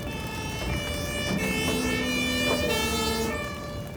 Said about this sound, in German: Mit Martinshorn und Blaulicht geht sofort ab ins nächste Krankenhaus.